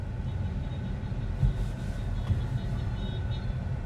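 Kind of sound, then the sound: vehicle, street traffic noise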